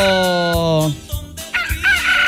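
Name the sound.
rooster crowing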